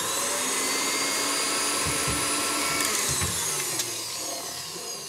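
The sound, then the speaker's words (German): An electric mixer whirs steadily for several seconds, briefly stirring vanilla cream into an almond cream mixture, a dense, even motor whine with a slight wobble in pitch. No one speaks. “So, noch einmal kurz unterrühren.”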